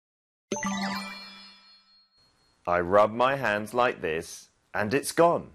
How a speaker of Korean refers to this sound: 마술사님, 저기 동전 떨어뜨리신 거 맞는데요.